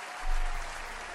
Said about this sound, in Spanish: Esto, pido un aplauso para el amor.